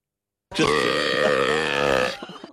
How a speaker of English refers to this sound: It is the world's loudest burp at 112.18 decibels. It's louder than you could play drums with.